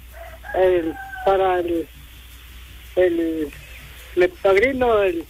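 A rooster crows in several loud, nearby bursts, each call rising and then trailing off, with short pauses between them and a faint background hum.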